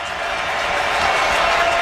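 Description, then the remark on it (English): A football stadium crowd roars as it rises on a fourth down, 4th and 8 at the Washington 17, in a steady, dense wash of noise that swells slightly louder partway through, with no distinct voices standing out. “Crowd rising on this fourth down.”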